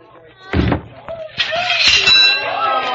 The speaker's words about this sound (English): Hey, yes, sir, right this way. Test your strength and ring the bell.